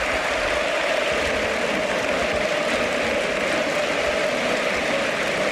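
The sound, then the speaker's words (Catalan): A large stadium crowd at Camp Nou applauds steadily as Gordon is substituted off, a dense, continuous wash of clapping and noise that holds an even, fairly loud level throughout, with no distinct voices standing out. “Sí, sí, connexió, mira, ja veig gent que s'aixeca. Mira com somriu. Sí, aplaudint, Gordon.”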